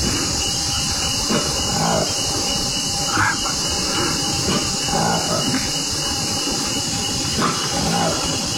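The call of a newly discovered monkey species, found in the Democratic Republic of the Congo in Africa, rises in several squealing, wavering bursts over a steady, hissing background. No one speaks.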